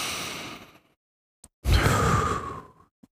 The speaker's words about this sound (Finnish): Eli otetaan yhdessä sisään ja ulos hengitys.